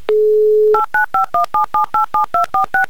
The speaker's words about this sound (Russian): Итак, Антон, я набираю ваш номер телефона.